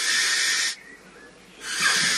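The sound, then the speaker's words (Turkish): Two harsh, hissing screeches of a barn owl, recorded in England, each lasting under a second with a short pause between, loud against an otherwise quiet background. “Peçeli baykuşu Dominic Garcia Hall İngiltere'de.”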